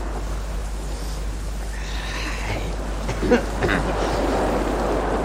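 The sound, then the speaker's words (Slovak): A steady hiss of heavy pouring rain mixed with the low, rolling wash of sea waves close by, swelling slightly midway, with no voices. “Zdá sa mi, že počujem more.”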